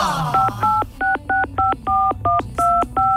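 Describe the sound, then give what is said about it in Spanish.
A phone number is keyed in: about ten short, steady touch-tone beeps, each a two-note electronic chirp, tapped in a quick, even rhythm over a low background hum. “¿Te había marcado?”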